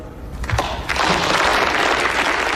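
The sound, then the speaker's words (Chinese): A crowd bursts into applause for Frank's impassioned speech, starting with a few scattered claps that quickly swell into dense, loud, sustained clapping that holds steady to the end. “弗兰克的慷慨陈词受到大家的鼓掌欢迎”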